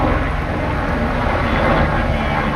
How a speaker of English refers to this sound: A helicopter drops a bucket of water over the flames in Fontainebleau Forest, about 60 kilometers from the French capital.